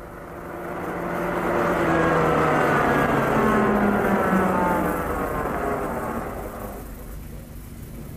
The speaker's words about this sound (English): I stepped into Richter's car. The drive took only a few minutes.